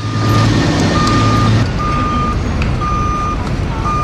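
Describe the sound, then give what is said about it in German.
A truck's reversing alarm on the Ground Zero construction site, where the World Trade Center towers stood in New York, sounds a steady, mid-pitched beep about four times at an even pace, over a loud, rumbling diesel engine and general site noise. “Der Ground Zero, wo einmal die Türme des World Trade Center in die Höhe ragten, ist heute eine gigantische Baustelle.”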